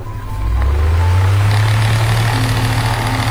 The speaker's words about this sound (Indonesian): Dengan ditemani suara kipas, berdesir, berputar, berulang, seolah menghitung detik yang terasa lebih lambat dari biasanya.